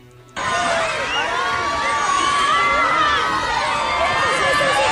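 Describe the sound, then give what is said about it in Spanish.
A large crowd cheers and screams loudly and without pause at Brad Pitt's arrival on the red carpet of the San Sebastián International Film Festival, many high voices shrieking over one another in a dense, excited roar that begins abruptly and holds steady. “Pues sí, ya lo están escuchando, Brad Pitt ha llegado, y no solo eso, ha revolucionado por completo la alfombra roja del Cinemaldi.”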